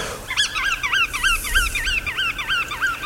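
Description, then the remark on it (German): Shorebirds such as sandpipers and other waders call at a resting site at the Geiseltalsee lake in a rapid, steady series of bright, rising piping notes, roughly three per second, clear over a faint background hush, with no voices. “dadurch den Strandläufern und den sogenannten Wattvögeln Rastplatz.”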